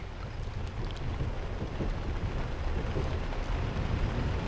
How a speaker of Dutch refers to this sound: Als u dat te voet doet, met dan inderdaad eventueel de klank van wat regen en een trein in de verte.